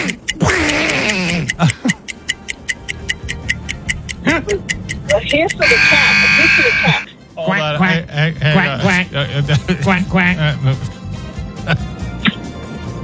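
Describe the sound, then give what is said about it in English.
A voice imitates a duck in a Donald Duck style for an identify-the-animal-noise quiz, with raspy, nasal quacking bursts in uneven runs, over a steady rapid ticking, broken by a brief loud high-pitched tone partway through. “I went with Donald. He did duck.”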